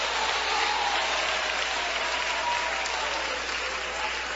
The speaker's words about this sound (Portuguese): Desocupem as suas mãos, batam palmas e glorifiquem a Jesus.